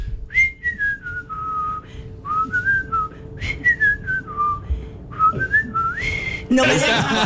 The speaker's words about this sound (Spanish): ¿venía a chiflar?